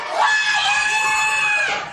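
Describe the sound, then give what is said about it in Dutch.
A man from Australia bellows one drawn-out word at extreme volume, a record-breaking shout of 122.4 decibels, single, strained and piercing, held for about two seconds, loud from start to finish. “Hij schreeuwde met 122,4 decibel dit woord.”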